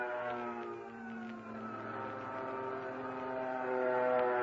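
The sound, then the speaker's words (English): A fighter plane's engine drones steadily with a strong, buzzing hum, swelling slightly louder toward the end as it passes by. No voices are heard. “And there goes another.”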